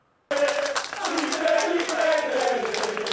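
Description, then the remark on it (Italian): Crowd applause celebrating that the Juve Stabia football club was saved after the Naples court approved its new owner's proposal; it starts abruptly after a brief silence and holds steady as a dense, loud wash of clapping, with a few voices calling out through it. “2 mesi di paura spazzati da un applauso.”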